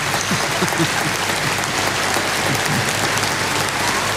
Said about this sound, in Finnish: Yleisö hurraa seisaltaan. Tämä on ainutlaatuista ja hienoa.